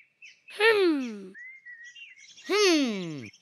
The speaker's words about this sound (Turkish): Burada her yerde kuş var.